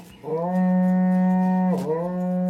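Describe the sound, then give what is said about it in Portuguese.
A berrante cattle horn is blown to wake people and call farmhands to work: a loud, sustained low note with a brief dip and swell near the end, alone with no talking. “Toca o berrante, ele tá pedindo pra tocar.”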